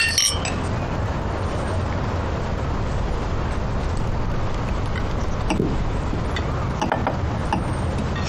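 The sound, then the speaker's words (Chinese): A few glasses clink together in a toast, with bright, brief chimes over a steady background hiss and some faint mechanical clatter, and no voices. “哎，这个说法好，那我们就为共产主义干一杯。来，别亮。 来，干杯，干杯。”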